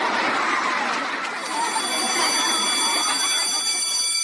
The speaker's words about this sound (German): Der Schulglock klingelt.